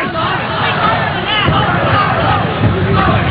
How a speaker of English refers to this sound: This Orlando crowd cheering on the hometown Apollo.